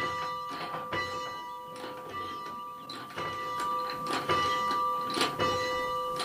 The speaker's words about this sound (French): Eh ben allez, on va faire sonner la cloche qui est devant la chapelle de la Lésine.